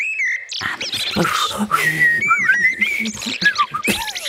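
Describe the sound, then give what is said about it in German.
A person whistles a warbling, birdlike melody in imitation of blackbird song, with quick rising and falling high-pitched phrases and brief trills, over soft background noise. “Und jetzt gerade lerne ich amselig.”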